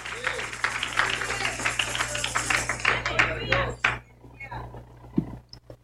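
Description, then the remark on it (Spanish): An audience applauds together in praise to the Lord, a dense wash of clapping that holds steady for several seconds before thinning out and fading, with a few scattered claps at the end. “Y les di aplauso de alabanza al Señor.”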